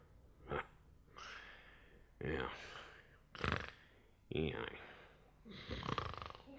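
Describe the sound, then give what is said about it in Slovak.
Loud, exaggerated snoring of a wolf: about five heavy rasping breaths in a steady rhythm, each a rough noisy burst with short pauses between, likely a voice performing the snores. “Je to vlk chrápe!”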